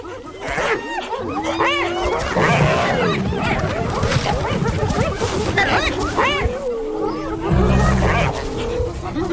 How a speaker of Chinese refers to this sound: 你以前见过吗？ 我还从来没见过斑鬣狗把一只狮子从猎物旁边赶走。 你觉得他们能把狮子赶走吗？ 斑鬣狗铁了心要抢走狮子的猎物。